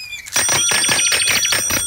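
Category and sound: vehicle, bicycle bell ringing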